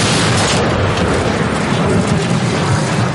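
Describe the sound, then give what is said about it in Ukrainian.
A 152-calibre artillery gun fires a shell, its heavy blast rolling into a loud, sustained rumbling roar that fills the whole moment without fading, with no voices present. “Увага! Постріл!”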